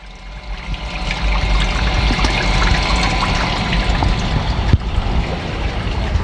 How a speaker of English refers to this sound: And the creek has always been an influence on me in various ways, you know, ecologically, the flow of water